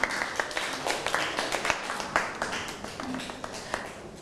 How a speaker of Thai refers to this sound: เอาปรบมือให้ตัวเองหน่อยครับ